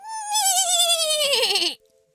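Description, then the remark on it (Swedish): A person imitates a horse's neigh: one loud, wavering whinny lasting under two seconds, quivering throughout and dropping in pitch before cutting off abruptly, with no other talk. “Är du bra på att gnägga”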